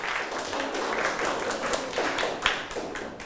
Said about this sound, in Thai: กลุ่มที่เลือกข้อนี้ปรบมือให้เพื่อนหน่อยครับ